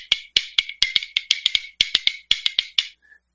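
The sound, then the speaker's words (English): Rib bones held in one hand and played as a percussion instrument to accompany a song: a quick, lively run of sharp, bright wooden clicks in short bursts and triplets, crisp and fairly loud, with no one talking. “Now, bones are basically rib bones, and you hold them in one hand, and you can kind of get kind of a clicking sound.”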